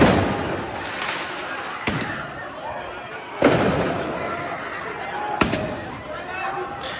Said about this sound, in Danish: Der er sirener og tumult i gaderne, fordi ja, der er blandt andet biler, der sættes i brand. Så affyres der også fyrværkeri på åben gade.